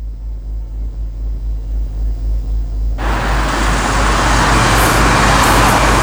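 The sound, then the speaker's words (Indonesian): A low, throbbing engine idle rumbles for a few seconds before loud, dense traffic-jam noise from cars and motorbikes abruptly swells in and continues steadily, with no one talking. “Makanya ini akibatnya, macet di mana-mana.”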